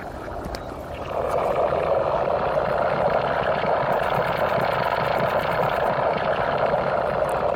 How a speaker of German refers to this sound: Ja, schmatzend, fern und digital. Keine Empfehlung, ins All Ausflüge zu unternehmen, sondern auch keine Signalstörungen. Das Innere eines Komposthaufens haben Sie da gehört.